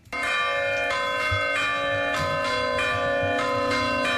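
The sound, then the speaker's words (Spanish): The church bells of Villava, Navarre, peal the heat-warning toll rung whenever the town passes 30 degrees, in a steady, rapid rhythm, each loud strike ringing out over a sustained, overlapping metallic hum, with no voices present. “Las protagonistas son las campanas de Villava.”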